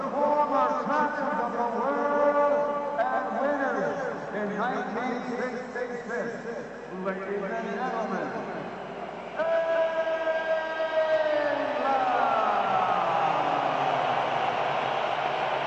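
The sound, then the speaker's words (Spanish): A large crowd whistles loudly and steadily in disapproval, shrill overlapping whistles rising and falling over a constant roar of voices for the whole stretch. “Recordando el título del 66 y recibiendo más silbidos que otra cosa.”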